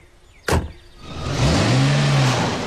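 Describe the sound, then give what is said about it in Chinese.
A sharp thud like a door slamming, followed moments later by the engine of a covered truck parked at an alley entrance turning over and revving up, its rising drone growing loud and steady as the truck pulls away toward a nearby mansion. “卡车很快就启动，快速地向着附近的公馆开去。”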